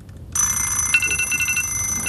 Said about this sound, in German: Da klingelten die Wecker der anderen Jungs.